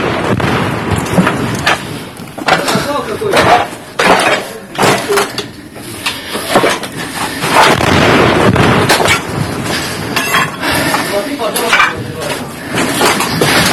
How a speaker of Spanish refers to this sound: Cayó un proyectil. ¿Cómo estás? Cayó justo a nuestro lado.